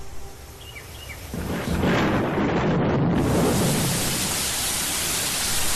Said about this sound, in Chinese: 雷声过后，大雨潇潇而下